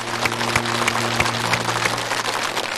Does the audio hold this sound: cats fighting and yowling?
no